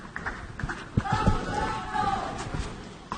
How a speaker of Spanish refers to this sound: Aplaude la Susan Lenglen tímidamente. Y eso que ya sí que se ha llenado, ¿no? Por lo menos da la sensación de buena entrada está ya. Lleno, está lleno.